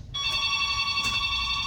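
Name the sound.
telephone ringing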